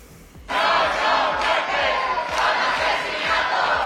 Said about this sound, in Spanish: en cuanto se conoció la noticia de la muerte de Mari Carmen, estalló la indignación y los acampados que estaban en la Puerta del Sol se trasladaron al Congreso al grito de vergüenza, vergüenza.